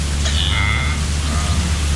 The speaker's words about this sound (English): It's a zebra. A zebra sound.